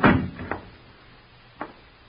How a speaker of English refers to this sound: Keep quiet and shut the door.